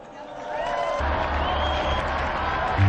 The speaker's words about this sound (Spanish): Brindemos nuestro cálido aplauso a San Pedro y a San Pablo.